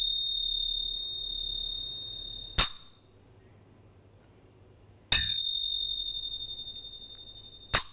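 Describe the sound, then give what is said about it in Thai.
Small Thai ching cymbals, metal rhythm percussion instruments, struck three times at a slow, even pace, each hit a bright, high metallic clang; the middle stroke rings on brightly while the others are cut short. “ฉิ่งเป็นเครื่องประกอบจังหวะก็คือเป็นเครื่องตีที่ทำจาก โล หะถูกต้องนะคะทีนี้เราลองมาฟังเสียงฉิ่งกันเสียงฉิ่งจะมีฉิ่งกับฉับนะคะฟังนะคะเวลาตีตีลงไปตรง”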